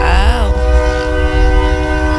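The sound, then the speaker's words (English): A loud train horn blares in one long sustained blast, its pitch wavering briefly at the start, over the deep rumble of a passing train. “Okay, who lives because close to a train like I do?”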